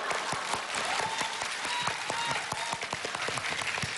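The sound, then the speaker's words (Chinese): Steady audience applause for two performers arriving on a stage, a dense patter of many hands clapping at an even, sustained loudness for several seconds, with a faint murmur of voices underneath. “谢谢，哎呀，谢谢谢谢谢谢大家掌声，哎，谢谢谢谢谢谢谢谢，好，谢谢大家，行，各位都坐下吧，坐下。”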